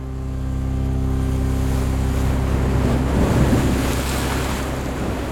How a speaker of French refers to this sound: le jeune capitaine, met les moteurs et on s'éloigne rapidement du bateau-mère.